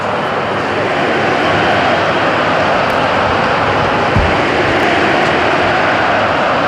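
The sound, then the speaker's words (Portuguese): A large stadium crowd chants Cristiano Ronaldo's name as Portugal wins a free kick, a loud, dense roar of many voices that holds steady for the whole stretch without clear breaks. “É o grito que se ouve no estádio.”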